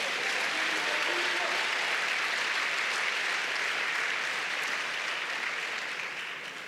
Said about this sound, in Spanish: Dele palmas al Señor.